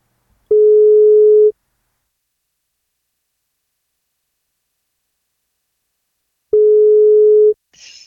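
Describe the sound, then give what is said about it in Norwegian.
A radio show's phone call to a birthday listener ringing out: two steady, mid-pitched ringback tones, each about a second long, separated by several seconds of silence, followed by a faint brief crackle at the end. “Men hun må svare når vi ringer.”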